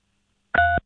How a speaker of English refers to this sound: Hey, if you can hear us, press 3 on your phone.